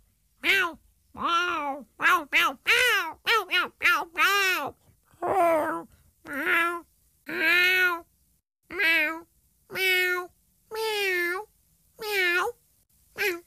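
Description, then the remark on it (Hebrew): A cat meows over and over: a quick cluster of short mews, then a string of longer, drawn-out meows separated by brief pauses, with no talking. “אך צליל החתול כמעט בכל מקום בעולם הוא מיהו.”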